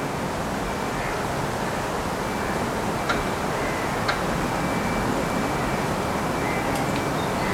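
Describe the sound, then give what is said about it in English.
A steady, broad rumble of a passing train fills the scene, with a thin, drawn-out creak of two oak trees above it and a few brief, faint rattles of fence chains in the distance, heard from beneath the two oaks on bamboo-covered ground. “Two oaks creak, and the train moves by, and chains from a fence rattle in distance.”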